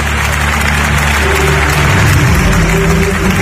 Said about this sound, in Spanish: 7 minutos de ovación que consiguieron incluso humedecer los ojos del pontífice.